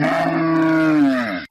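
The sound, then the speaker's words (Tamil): A single long, low, loud moo from a cow in a cattle shed, holding steady for over a second before trailing off, with no voices around it. “கொட்டகையிலே இருங்க, டவுன் வரைக்கும் போயிட்டு தவிடு வாங்கிட்டேன், திரும்பி வந்துடுறேன், வந்து உங்களுக்கு தண்ணி காட்டுறேன், புல்லு போடுறேன்.”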